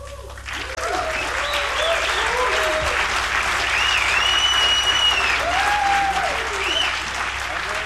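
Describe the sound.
Sustained applause from a concert audience for a Lebanese sextet after its live performance, a dense steady roar of clapping that swells after the first second, with faint voices and whistles rising and falling through it.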